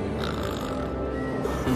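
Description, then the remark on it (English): A loud, rough snore rumbles continuously from a male exhausted after a chase, a low, throaty grunting drone with no pause, heard on its own without any talking. “The chase must have exhausted him. He tends to snore extra loud when he's extra tired.”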